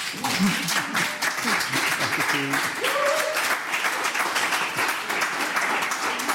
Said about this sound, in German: Vielleicht darf ich Sie noch mal einen kleinen Applaus bitten.